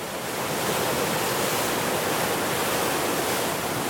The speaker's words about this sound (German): Wer einmal an der Wehr die Durchfahrt eines großen Schiffes erlebt hat, wird das unglaubliche Brausen, Tosen und Rauschen schwer wieder vergessen.